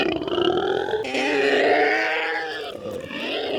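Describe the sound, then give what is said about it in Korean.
A monster's deep, rasping howl as it tears at its head with both feet rises and swells for a few seconds, growling and roaring with harsh grunting texture, loud throughout and ending in a second guttural burst. “현우를 떨어뜨린 교수는 양발로 머리를 쥐어뜯으며 울부짖기 시작했다.”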